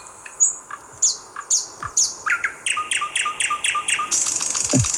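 A thrush nightingale sings, a rich run of rapid repeated notes, clicks and whistles that speeds into a dense rattling trill, with no voices.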